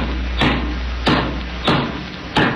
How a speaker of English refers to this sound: You're pretty handy with a hammer, too. What? Well, you just nailed my coat to the roof.